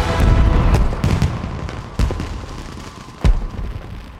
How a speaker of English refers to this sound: Now fireworks burst in the sky.